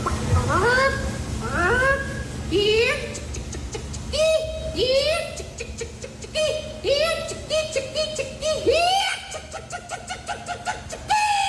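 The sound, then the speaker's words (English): A woman, one of the top three in the female chicken calling contest at the Iowa State Fair, imitates a chicken with her voice, a run of rising, squawking clucks that repeat in quick bursts, loud, over a faint low background hum. “A bunch of people get together, they do their best chicken calls, and these are the people that were on the podium.”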